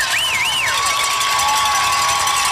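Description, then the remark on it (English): A George Washington crowd at a football game cheers in a loud, steady roar throughout after a big interception for George Washington, with a shrill wavering whistle rising and falling early on over the din. “Well, a lot of this GW crowd. Yeah, it's a good GW crowd.”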